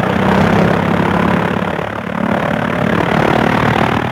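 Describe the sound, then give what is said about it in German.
A loud, steady engine roar with a rough, rattling drone, holding strong throughout with a slight dip midway, as a propeller plane rolls over sand and climbs into the air. “Der Motor rattert, knattert, hupt, jetzt steigt das Flugzeug in die Luft.”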